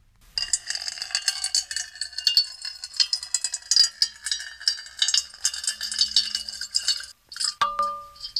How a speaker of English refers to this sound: And now a little ASMR, water being poured into a metal bowl.